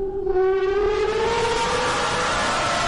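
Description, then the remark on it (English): A long, loud scream from riders on Universal Studios' newest roller coaster holds steady for about three seconds, its shrill pitch slowly rising, with a rumbling background underneath and no talking. “So scary that a nearby neighborhood is complaining about screaming that residents say is like something out of a horror movie.”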